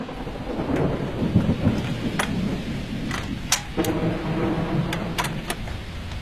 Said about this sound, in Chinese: 1994年3月4号到3月13号之间的某一个下午，我录下了接下来这段的雷雨声。